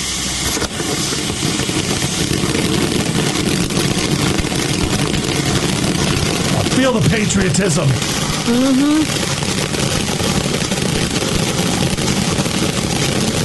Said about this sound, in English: The next one that we have, this is called the Final Salute. From the ground, it rises with authority. This finale-powered fountain delivers sky-reaching red, white, and blue effects that roar with patriotic force. Nice. Here's what it sounds like.